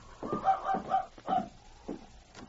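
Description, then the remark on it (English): A dog, Rags, outside a cabin door in a windstorm gives a quick run of four high, whining yelps, then quieter whimpers trail off, with no talking over it. “Sounds like a dog outside, King.”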